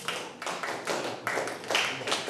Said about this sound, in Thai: หมดเวลาทำกิจกรรมแล้วครับทั้งหมดปรบมือ10ครั้ง